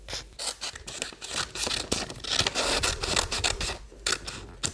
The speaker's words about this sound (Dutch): Zo, nu hebben we onze pigeon en die gaan we lekker gezellig uitknippen.